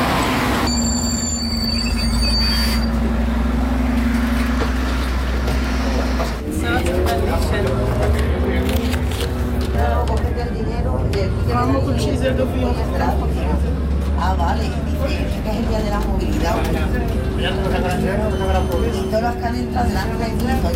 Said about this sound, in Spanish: un poco como gesto de que está montada en el autobús, pero es gratuito hoy los autobuses en la ciudad de Toledo